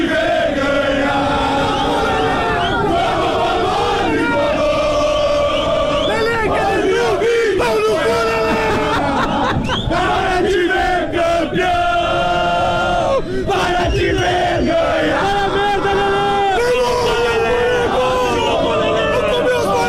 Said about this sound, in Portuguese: Torcida do Grêmio na arena, onde estamos com o nosso posto avançado para o Grenal de logo mais.